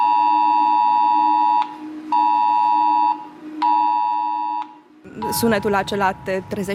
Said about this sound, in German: Es ist das Video, das über den Luftalarm informiert. Dieser Alarm kommt, genau wie beim Cell-Broadcasting, auf den Smartphones der Menschen in der Gegend an. Und der Alarm klingt so.